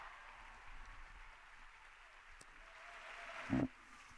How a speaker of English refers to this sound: The Pope now walking into the hall here. Big round of applause from all the students, professors, and other people gathered.